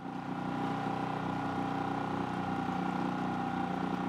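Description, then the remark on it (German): A boat motor drones steadily throughout as two boats are towed into deep water to open the catch bag of fish, a constant low, humming engine tone at moderate loudness, with no voices or other distinct events. “Vater Wilhelm soll nun beide Boote ins tiefe Wasser ziehen, um den Fangsack mit den Fischen zu öffnen.”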